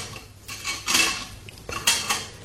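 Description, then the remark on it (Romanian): Metal surgical instruments clink and rattle against each other in a few bright, uneven bursts as a medical assistant handles them while preparing for an amputation, with two louder clusters of jangling standing out over a quiet background. No one speaks. “Sora m-a privit ciudat, dar prin ochii felcerului a trecut o scânteie de milă și el a început să-și facă de lucru cu instrumentele.”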